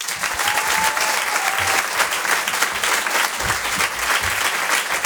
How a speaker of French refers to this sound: Je vous demande de réserver un tonnerre d'applaudissements, s'il vous plaît, à Patson.